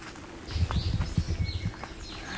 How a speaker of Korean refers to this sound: 오, 새소리가 아주.